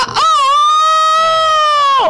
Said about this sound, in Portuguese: Eita, rapaz, e ouvindo o canto velho do galo, né, compadre Ivan?